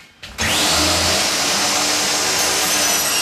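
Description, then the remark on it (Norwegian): After a brief quiet moment, a 67-year-old man wearing hearing protection starts a chainsaw, which roars to life and keeps running loudly and steadily, its engine giving a harsh, high buzzing whine with no voices. “har fortsatt godt håndlag med saga, men sliter litt med å huske.”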